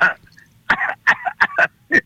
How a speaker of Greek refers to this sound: Λοιπόν, βήξε λίγο στην πλάτη. Βήξε λίγο.